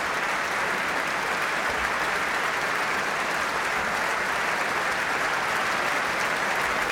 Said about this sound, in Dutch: En opnieuw groot applaus voor Jefim Bronfman. Hij speelde als toegift de arabeske in C opus 18 van Robert Schumann.